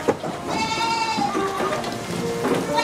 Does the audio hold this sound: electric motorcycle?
no